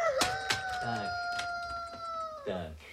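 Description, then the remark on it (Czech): A rooster crows in one long, steady, drawn-out call, with a few sharp knocks and brief clucking sounds around it. “Ale taťuldo, kohout nelítá.”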